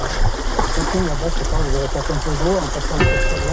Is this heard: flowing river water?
yes